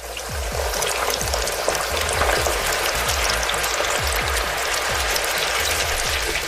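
A steady, dense sizzle of French fries deep frying in hot oil in a restaurant, with constant crackling and popping bubbles that stay loud throughout, no voices present.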